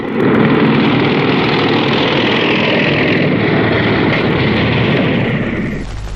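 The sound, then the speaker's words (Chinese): A loud, steady roar of several approaching motorcycle engines, a dense rumbling drone that holds for several seconds before easing off slightly at the end. No one speaks. “连长，连长，摩托车来了。”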